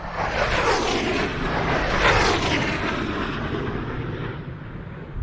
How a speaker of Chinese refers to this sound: 报告指挥部，飞机提速，马赫0.8，没有颤振；马赫0.9，没有颤振。报告指挥部，马赫1.0，没有颤振。